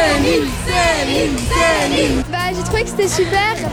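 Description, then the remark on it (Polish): A large crowd of fans cheers and shouts excitedly outside a hotel in Paris where a singer is staying, with rising, wavering voices overlapping in a loud, continuous roar. “Przed hotelem, w którym zatrzymała się piosenkarka, od rana czekał na nią tłum fanów.”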